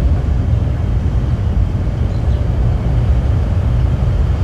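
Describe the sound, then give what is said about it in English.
A loud, unbroken low-pitched drone of machinery from a data facility half a mile away in South Haven, Mississippi, recorded in a backyard in summer, fills the whole stretch, steady and heavy, with only the faintest hint of birds a few feet from the microphone buried beneath it. “Birds, just a few feet from the mic, can barely be heard over noise from a data facility half a mile away in South Haven, Mississippi.”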